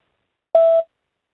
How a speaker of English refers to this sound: That sounded like a voicemail.